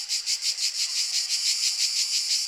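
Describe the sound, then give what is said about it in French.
Insects stridulating by rubbing their wings in a steady high-pitched buzzing trill, pulsing rhythmically about four times a second without pause, fairly loud and alone with no voices. “Les insectes du fond, frictionnez vos ailerons.”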